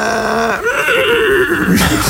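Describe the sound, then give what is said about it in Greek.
A person imitates a horse's neigh, a loud whinny with a wavering, descending pitch lasting about two seconds, delivered alone without other speech. “Καλά το έκανε το άλογο, καλά το έκανε.”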